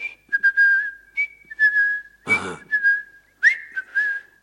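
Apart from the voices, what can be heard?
person whistling a melody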